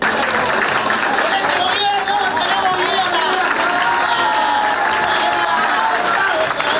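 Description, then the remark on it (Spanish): A crowd applauds and cheers continuously, with steady dense clapping and excited voices mixed in, loud throughout the whole stretch, as retirees and pensioners receive the keys to new apartments from Uruguay's Banco de Previsión Social in central Montevideo. “Entre aplausos, abrazos, lágrimas de emoción y festejos, los jubilados y pensionistas recibieron la llave de su nuevo hogar ubicado en Uruguay y Andes.”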